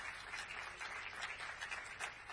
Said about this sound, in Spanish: Señoras y señores, agradecemos y despedimos al señor presidente de la Nación con este aplauso.